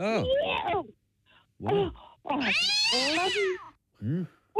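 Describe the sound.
A person imitates a cat, giving several loud meows in a row: short mews, then a long wavering yowl, then a brief final mew.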